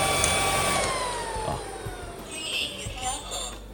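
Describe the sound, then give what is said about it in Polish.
A robot vacuum cleaner runs in turbo mode, vacuuming with a steady motor whir and a high whine. Its pitch glides slowly downward, with a few soft bumps and clicks underneath. “Ale przynajmniej proszę, wiecie, jaki to odkurzacz. Jak to brzmi.”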